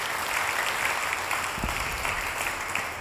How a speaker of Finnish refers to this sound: ja musta oli kyllä niin hieno veto, että annetaan siitäkin vielä aplodit.